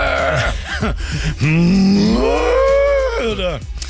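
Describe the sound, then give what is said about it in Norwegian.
A person imitates a cow, drawing out a long, loud, wavering moo, preceded by a few short vocal grunts. “Eller som kuene sier, nytt mø!”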